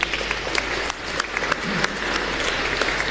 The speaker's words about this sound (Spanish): Muchísimas gracias por ayudarnos en la liturgia. Aplauso para ellos.